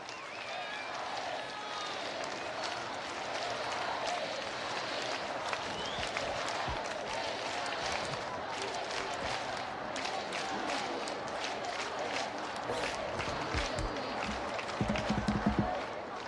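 A large crowd claps and cheers in a steady, continuous wash of applause at the conclusion of a prayer vigil, with scattered voices mixed into the noise throughout.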